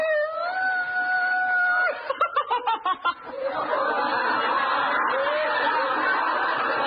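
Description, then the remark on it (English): In a comedy sketch, a man imitates a wolf, holding a steady, drawn-out howl for about two seconds, then breaks into short rhythmic chuckles before a broad wash of audience laughter takes over. “That's …. What's the idea, …? You can't be a wolf.”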